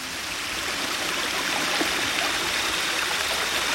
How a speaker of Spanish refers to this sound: ¿Qué pasa? ¿Qué es ese ruido? ¡Se está metiendo mucha agua a la casa!